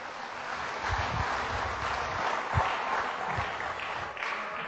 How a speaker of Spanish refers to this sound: Dale fuerte palmas al Señor.